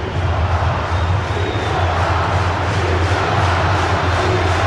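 A large football stadium crowd at a Cruzeiro versus Mirassol match roars and applauds a substituted player in a steady, dense wash of cheering that holds at a loud level for several seconds, with no distinct voices standing out.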